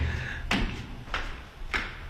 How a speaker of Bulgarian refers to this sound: и дали се чуват нашите стъпки? Да, нашите стъпки се чуват.